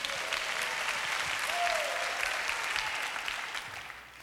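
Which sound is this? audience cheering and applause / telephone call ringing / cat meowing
audience cheering and applause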